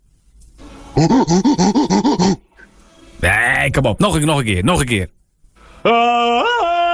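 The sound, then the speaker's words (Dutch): A person does a monkey impression, with a run of quick, rhythmic hooting calls and then louder, shrill screeching bursts, loud. A short spoken exchange follows. “Kan je een aap nadoen?”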